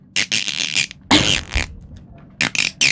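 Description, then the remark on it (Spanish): A voice imitates a dolphin underwater: a few loud, bubbly, buzzing bursts with harsh hissing edges, separated by short pauses. “Tengo dos delfines. Ah, ok. Uno por abajo del agua y otro que sale, emerge.”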